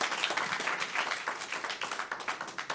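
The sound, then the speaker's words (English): An in-person audience in Sioux Falls applauds the special guest musicians at a band's jazz performance, a dense patter of many hands clapping at a moderate, even loudness throughout, with no voices over it. “The … will take us through the rest of the hour, but let's hear it one more time for our special guest,”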